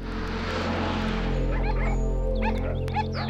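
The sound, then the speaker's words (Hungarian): A few short dog barks and yips break through a steady rumbling background noise, scattered irregularly rather than in a steady rhythm. “Kedves Feri, az a harmadik kutya nem húz.”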